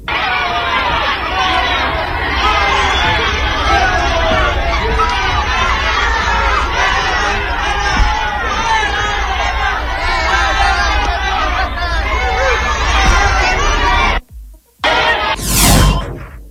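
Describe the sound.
A dense crowd of many voices clamors loudly and continuously as arrivals are greeted at Terminal 11 of the international airport in the city of Chihuahua, a steady roar of shouting and chatter that cuts off abruptly near the end, followed by a brief whoosh.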